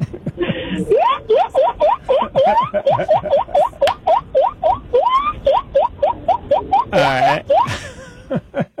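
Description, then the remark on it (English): A person in Willimantic imitates a guinea pig with a rapid, steady string of short, rising, high-pitched squeaks, broken by one longer wavering squeal near the end. “I can sound like a guinea pig.”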